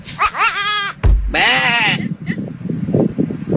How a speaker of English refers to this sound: It's a real goat, man.